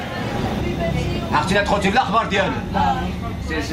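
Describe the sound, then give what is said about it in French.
Passengers talk inside a moving bus in Ceuta, local residents speaking Arabic to a 14-year-old girl, their overlapping voices above a steady low engine rumble and road hum that runs throughout. “Dans ce bus, quelques habitants parlent en arabe à une enfant de 14 ans, arrivée seule.”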